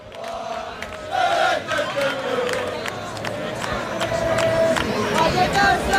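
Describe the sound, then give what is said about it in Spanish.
A large crowd of English football fans in Vallecas shouts and chants together at a gate where Rayo Vallecano fans await the arrival of their team, a loud, continuous wall of voices with sustained sung notes and occasional sharp claps or yells cutting through. “Con estos ingleses, que me voy a acercar un poquito para que escuchéis esos gritos que están lanzando.”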